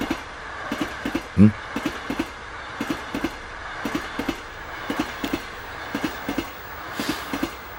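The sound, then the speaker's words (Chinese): A moving train clatters steadily over rail joints, with paired rhythmic clicks repeating above a constant low rumble, plus one louder thump early on; no voices are heard. “我根本就不知道你们在这辆火车上，我是为了躲避警察局的人莫名其妙地跑到这列火车上来的”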